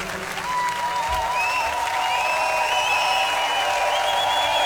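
Steady, sustained applause from an audience fills the whole stretch, a dense wash of clapping with a few whistles and cheers rising above it.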